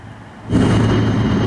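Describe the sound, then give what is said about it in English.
Constant industrial noise from the Vantage Data Center's own off-grid power plant in Sterling, Virginia, across the street from a neighborhood: after a brief quiet moment, a loud, steady roar with a deep humming drone switches on abruptly and holds unchanged, with no voices. “Imagine living next to this and having to hear this constant ringing.”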